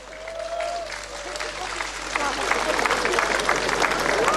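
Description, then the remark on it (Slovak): A large crowd at the National March for Life in Bratislava, Slovakia, applauds, the dense clapping swelling steadily louder over several seconds, with scattered cheers and voices mixed into the roar. “To si zaslúži obrovský potlesk.”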